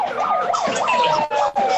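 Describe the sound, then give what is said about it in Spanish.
An emergency vehicle siren wails in rapid rising-and-falling sweeps, loud, over a steady street-noise background, with a second steady tone running alongside, at a hotel workers' street protest outside a hotel in New York. “Enfrente también, una sirena.”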